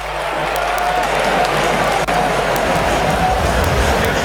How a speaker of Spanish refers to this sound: Ovación para Scaloni.